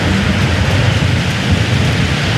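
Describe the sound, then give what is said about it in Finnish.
Heavy rain pours steadily while a deep, continuous rumble of thunder rolls underneath, filling the whole short stretch at a loud, even level with no voices. “Ja voitte varmaan kuulla, että täällä myöskin ukkonen jylisee.”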